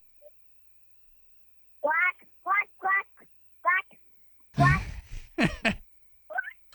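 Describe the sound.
A person imitates a cartoon duck's voice with a run of short, raspy, nasal quacking bursts, about four in a row, followed by a louder, noisier burst of squawky vocalizing.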